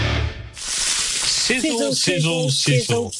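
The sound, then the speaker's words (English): Sausages sizzle on a hot barbecue with a steady hiss that starts after a brief pause, and a voice soon speaks over the continuing sizzle. “Sizzle, sizzle, sizzle. Pop, crackle, sizzle, sizzle. Our Fraser lines are much more than sausage sizzles.”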